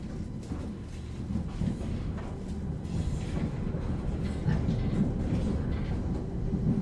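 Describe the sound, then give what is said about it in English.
A steady low rumble of a railway train in motion approaching Kyoto, with faint rhythmic rattling of wheels on the rails running continuously at an even, moderate loudness, as if heard from inside a carriage. “Biddy, biddy, and gatang, gatang rattle the wheels of the railway train.”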